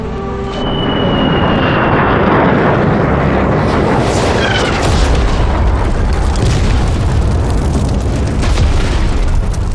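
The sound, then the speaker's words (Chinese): US military aircraft roar overhead while bombing the quarters of a negotiating delegation, with descending engine whines over a dense, continuous wall of booming explosions and rumble. It is loud and sustained throughout, with no talking. “竟然肆无忌惮地轰炸我方谈判代表团的驻地！”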